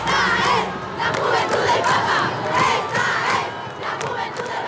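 A large audience roars in a loud, sustained ovation at the end of an hour-long concert, with many voices cheering and shouting together for the whole stretch, swelling slightly in waves.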